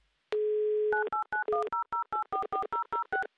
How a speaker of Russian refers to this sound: Именно поэтому я прямо сейчас буду набирать ваш номер телефона. Ждите моего звонка.